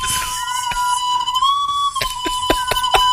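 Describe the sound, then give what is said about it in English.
A shrill whistle is blown in one long, steady blast lasting about three seconds, its pitch lifting briefly midway, with a few sharp clicks or knocks sounding alongside it toward the end. “What does the whistle have to do with her being short?”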